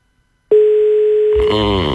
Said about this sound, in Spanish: atendé el teléfono.